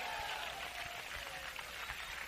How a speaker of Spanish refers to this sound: ¡Fuerte aplauso al Señor en esta hora!